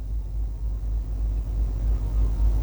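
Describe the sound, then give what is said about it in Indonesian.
Steady low rumble of road traffic with engines droning continuously, a dense flow of vehicles passing smoothly in all directions at the Tugu Adipura monument in Banjarbaru, with no voices. “Terpantau arus lalu lintas lancar di semua arahnya.”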